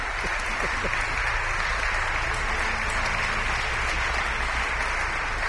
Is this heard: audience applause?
yes